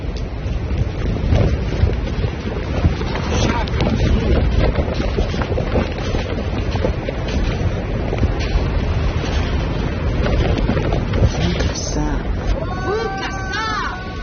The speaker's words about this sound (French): Sur ce plateau tibétain balayé par le vent, aux pentes rocailleuses, vous êtes entouré d'une dizaine de Denisoviens, membres d'une espèce éteinte du genre Homo.